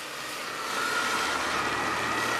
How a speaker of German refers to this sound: Ja, wir stehen hier aktuell in Wittenburg an der Hauptstraße und man hört es und sieht es vielleicht, es fahren immer noch einige Einsatzfahrzeuge vorbei.